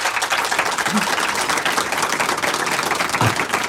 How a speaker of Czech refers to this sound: Troufám si tvrdit, milé posluchačky a posluchači, že ten potlesk, který zní odsud z prostranství před naším airstreamem, je zcela symbolický, protože to první uvedení Báry Basikové snímku zažilo dokonce 6-minutový potlesk.